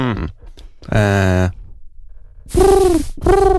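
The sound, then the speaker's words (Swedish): A person's voice imitates a cooing dove with a few low, hooting, harmonic calls, the first steady and the last two swelling and breathy, fairly loud, with short gaps between. “Och duva? Mm. Yes. Ja, nej, men den tog jag.”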